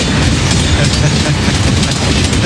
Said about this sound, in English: The train is loud as hell too. Yeah. The train is very loud just on its own, without the horn at all. Just this blasting through.